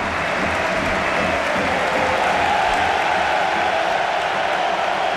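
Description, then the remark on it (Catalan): A stadium crowd at a Barça match, some people standing, applauds steadily as Rafinha is substituted off and Rodri and Dani Olmo come on, a dense, continuous wash of clapping and crowd noise that holds at an even, loud level throughout without easing off. “Ovació per Rafinha, gent dreta aplaudint-lo.”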